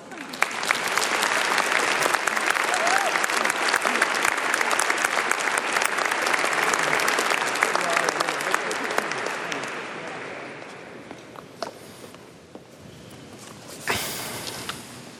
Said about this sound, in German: Lieber Pater Klaus Einzle, wir sind sehr gespannt. Großen Applaus.